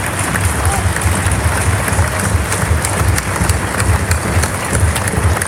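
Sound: audience applause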